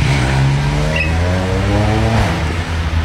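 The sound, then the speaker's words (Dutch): A motorcycle engine roars loudly on a street with café terraces, revving hard with steady rising harmonics, then the pitch shifts as the rider gives more throttle and rides away. “Maar zodra ze mijn microfoon zien, dan geven ze nog meer gas en rijden ze weg.”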